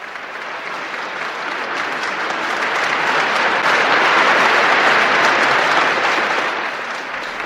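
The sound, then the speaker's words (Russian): Steady audience applause for the maestro, a dense wash of many hands clapping that swells gradually, holds loud through the middle, and eases slightly toward the end, with no voices standing out. “Вы видите? Они аплодируют вам.”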